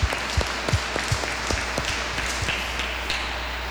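A group applauds for a few seconds for a woman's birthday: a steady patter of overlapping hand claps with a few sharper, louder claps standing out, over a soft background hiss and no talking.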